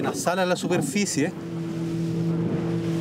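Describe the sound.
A motorboat engine drones steadily with a low, even hum as the boat is steered toward a surfacing whale to attach a GPS tag. A voice talks briefly over it at the start, then the engine continues on its own at a constant level.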